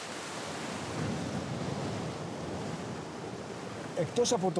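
sea waves

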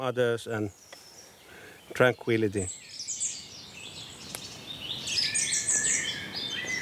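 birds singing outdoors

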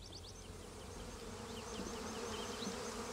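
honeybee colony buzzing

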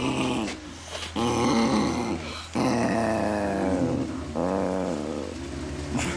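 dog growling

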